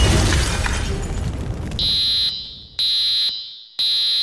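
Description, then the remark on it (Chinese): A burst of harsh, crackling noise fades out, then a residential smoke alarm blares three loud, piercing high-pitched beeps in a steady, evenly spaced rhythm, clear. “还好还有住宅火灾警报器，只要到各大卖场、量贩店、网购通路或到消防器材公司购买合格认证的助警器，我们就能为居家安全多加一份保障。”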